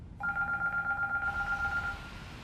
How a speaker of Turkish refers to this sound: Şu telefona bakabilir mi biri? James, telefona bak.